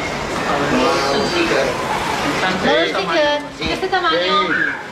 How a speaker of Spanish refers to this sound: Pescadería en el mercado municipal de Pere Garau, en Palma.